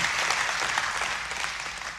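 Steady audience applause fills the space, a dense wash of many hands clapping at an even, sustained level with no voices standing out, applauding God after a blessing given in the name of Jesus.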